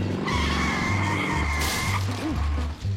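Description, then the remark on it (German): An unusual car built by a father drives up, its engine rumbling as tires let out a long, high-pitched screech of skidding, then the motor keeps idling and revving briefly afterward. No one speaks. “Das ist ein außergewöhnliches Auto. Papa hat ihn gebaut.”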